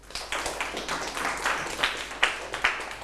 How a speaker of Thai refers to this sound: ถูกต้องครับปรบมือให้กลุ่ม2หน่อยครับ